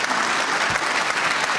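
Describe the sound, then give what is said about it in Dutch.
An audience claps steadily in tribute to a musician, a dense, continuous wash of applause at even loudness throughout, with no voices standing out. “Maar vooral jouw muziek en jouw persoonlijkheid... is een groot applaus waard.”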